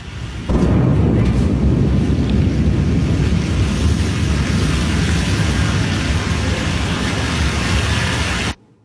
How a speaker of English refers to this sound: A Blue Origin rocket has exploded in a fireball during a late-night US launch pad test, shaking nearby homes. Here's the moment recorded by a nearby witness.